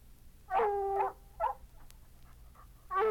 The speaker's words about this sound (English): Come on, Blue. I had an old dog and his name was Blue.